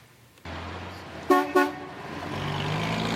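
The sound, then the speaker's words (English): Steady traffic noise rumbles at a three-way stop in Martindale, Calgary, one of the main roadways in and out of the northeast community, broken by two quick, loud honks of a car horn in close succession, with engines continuing afterward. “There's plenty of daily traffic through this three-way stop in Martindale.”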